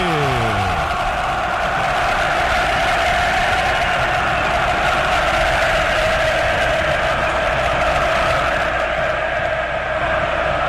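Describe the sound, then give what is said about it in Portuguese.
A huge stadium crowd of São Paulo football fans at the Morumbi stadium, before São Paulo play Boca, roars and chants in a loud, steady wall of sound that holds for the whole stretch without letting up. “Ouça a torcida que conduz da Band News FM.”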